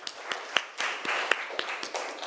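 A group of people claps together, sharp regular beats rising out of a steady wash of many hands slapping, fairly loud and lasting a couple of seconds with no talking.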